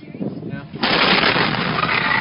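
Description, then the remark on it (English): A sudden, very loud explosive blast during a fire bursts in after a moment of muffled background noise, then roars on as a sustained rumbling wash of noise until the end. “within minutes of this, someone who sent the audio of a child and a father watching the fire, and then immediately there's an explosion, and you hear the child saying that he can't hear anything because the explosion was so deafening.”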